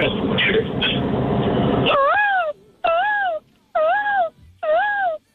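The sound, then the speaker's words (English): After a brief burst of loud, noisy sound, a person on the phone imitates a peacock in a best-peacock contest with four loud, wailing calls, each rising and falling in pitch, separated by short pauses. “All right, let's hear your best peacock.”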